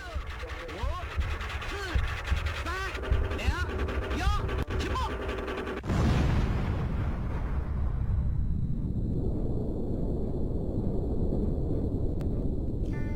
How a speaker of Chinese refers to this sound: 1964年10月16号下午3点，新疆罗布泊地区升起了一朵蘑菇云，中国第一颗原子弹爆炸成功了。